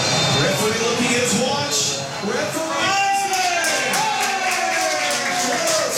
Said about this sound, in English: That the final whistle and its cheers from the French fans, not so much for the Taiwanese supporters of Paraguay.